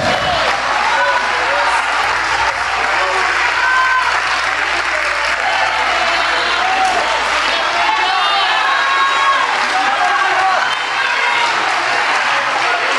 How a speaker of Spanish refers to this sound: Dele un aplauso al Señor Jesucristo. Alábale, alábale, alábale. Ponte en tus pies y dele un aplauso al Señor Jesucristo, por favor. Dele un aplauso porque Él merece.